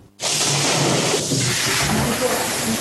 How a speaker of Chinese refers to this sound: 今年第13号台风白海豚9号在浙江台州沿海登陆，风雨呼啸中